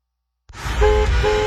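Car horns honk twice in a busy traffic jam while stopped at a red traffic light, short blasts sounding over a low rumble of engines and street noise after a brief silence at the start.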